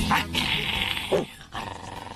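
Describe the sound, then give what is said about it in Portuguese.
A dog growling sound effect: a low, rumbling snarl that rises into a couple of sharper vocal bursts, steady for about two seconds with no talking. “Cadê o cachorro louco? Cadê? Aqui, ó.”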